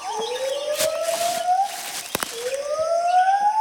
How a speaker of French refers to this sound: Encore ces sortes de ululements. Mais ils sont plus longs et viennent d'un autre endroit. Ce sont deux gibbons lards. On dirait qu'ils communiquent.